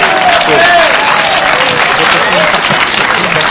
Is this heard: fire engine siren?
no